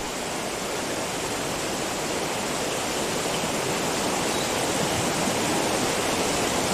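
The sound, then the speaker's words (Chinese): A river, swollen within a few short hours from a trickle, rushes along in a steady, dense roar of churning water, loud and unbroken throughout, with no voices or other sounds. “短短数小时，大鱼是河水暴涨起来。”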